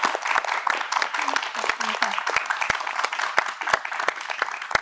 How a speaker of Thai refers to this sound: ขอเสียงปรบมือให้ด้วยนะครับ